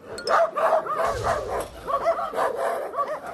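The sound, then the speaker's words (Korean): Two dogs, Taeyang and Sandeul, bark fiercely at each other in rapid, overlapping bursts, loud and continuous, with snarling, growly tones mixed in between the sharp barks. “맹렬하게 짖는 태양이와 산들이 순식간에 아수라장이 됐는데요.”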